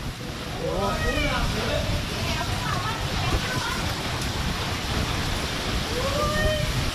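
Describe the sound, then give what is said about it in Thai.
A storm in Thailand roars with a steady, dense rush of wind and driving rain that blows a house's roof away, recorded by a home security camera, while faint voices call out now and then beneath the noise. “โอ้นี่ภาพจากกล้องวงจรปิดในบ้านที่บันทึกได้ชัดมากนะครับคือทั้งเสียงทั้งแรงของลมพัดหลังคาปลิวไปหมดเลย”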